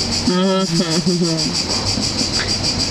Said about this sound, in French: C'est très esthétique, les grillons.